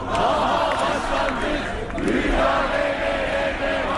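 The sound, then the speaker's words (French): A large crowd of activists of Turkey's main opposition party, CHP, in Ankara shouts and chants their anger together in a dense, continuous roar of many voices, loud and steady throughout with rising and falling swells. “Ils ont beau crier leur colère, les militants du principal parti d'opposition, CHP, ont le cœur lourd ces derniers temps.”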